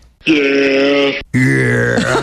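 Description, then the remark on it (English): A goat bleats twice in a row, each call loud, harmonic and nasal, lasting about a second with a brief gap between, the second slightly wavering in pitch. “By the way, I found a goat noise. That's an actual goat.”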